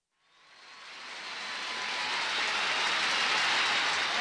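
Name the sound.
subway train rumbling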